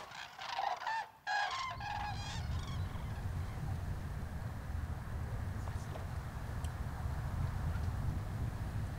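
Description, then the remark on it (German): A flock of common cranes calls in a burst of loud, overlapping trumpeting cries during the first couple of seconds, then fades away, leaving steady low wind rumble outdoors. “Gesunde Kraniche gehören eigentlich nicht zum Speiseplan der Greifvögel.”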